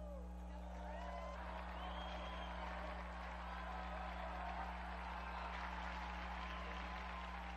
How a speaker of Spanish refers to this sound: Unidos pues a la Iglesia de la Transfiguración en Tierra Santa y a cuantos día a día trabajan por la transformación de sus vidas para la gloria de Dios, brindemos nuestro cálido aplauso a la Transfiguración del Señor.